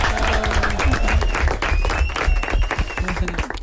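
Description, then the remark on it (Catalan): An audience breaks into sustained applause for a violinist, a dense steady wash of many hands clapping for several seconds, with some voices mixed in underneath. “Un aplaudiment.”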